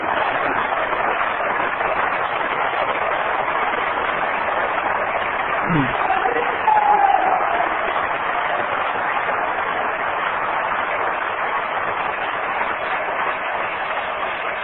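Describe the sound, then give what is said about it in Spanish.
An audience applauds steadily for Jesus Christ during a sermon, a dense, even wash of clapping at constant loudness for the whole clip, with a faint voice briefly rising above it partway through. “Un aplauso a Jesucristo, nada más a Él.”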